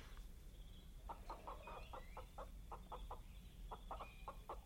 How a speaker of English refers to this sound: We shall take this chicken and we shall offer it to the Ognobo. Catch it, Zarga.